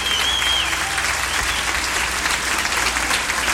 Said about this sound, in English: Polite applause.